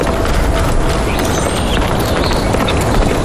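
A herd of Tibetan wild asses galloping on the Qinghai-Tibet Plateau, their hooves pounding in a dense, continuous drumming that stays loud throughout, with no voices.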